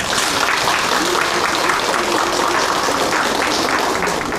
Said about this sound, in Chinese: 那么现在呢，我们掌声有请阿文老师登台。